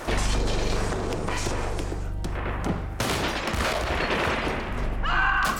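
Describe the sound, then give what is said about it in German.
Dense, continuous gunfire crackles for several seconds, a rapid barrage of overlapping shots with heavy low rumbling booms underneath and no clear pauses between bursts. “Feuer einstellen!”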